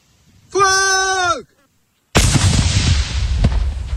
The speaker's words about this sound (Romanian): Este momentul în care drona găsită pe un câmp din Luncavița, județul Tulcea, a fost detonată. Un localnic a descoperit aparatul de zbor în timp ce muncea pe câmp.